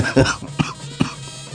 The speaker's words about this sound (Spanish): Bueno, ahí, aquí nos agarró la tos, una baja de defensa. A veces le atribuimos al clima, pero no.